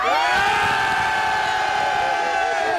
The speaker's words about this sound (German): Jetzt zeige ich euch, wie sie noch klingen können. Und jetzt dürft ihr einmal ganz laut schreien.